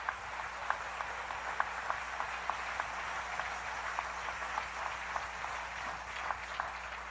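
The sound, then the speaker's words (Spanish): An audience applauds steadily for several seconds in praise of God, the King. A dense wash of many hands clapping, with a few sharper individual claps standing out. No one speaks over it. “Dale un aplauso al rey.”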